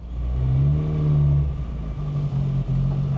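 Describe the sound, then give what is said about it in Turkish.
A car engine, assembled by hand by its owner, revs loudly, its low droning pitch rising and holding, then dipping briefly before steadying again, with a rough mechanical whir throughout and no talking. “Bu kadar şaşırma, motoru sen topladın ya.”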